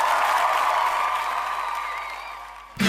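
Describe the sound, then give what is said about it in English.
A crowd breaks into sustained applause, a dense wash of many hands clapping that holds steady and slowly fades before ending abruptly. “Everybody clap for me. Clap for me.”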